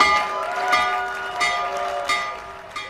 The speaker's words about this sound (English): President Trump made stock market history by ringing both the NASDAQ and New York Stock Exchange opening bells from the White House.